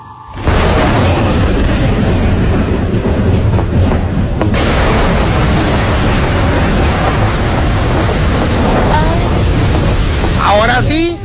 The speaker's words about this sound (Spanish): Ahora sí se está cumpliendo el pronóstico. Hace ratito dijimos que había pronóstico de lluvia. Está corriendo airecito, las nubes se están acercando de color más oscuro.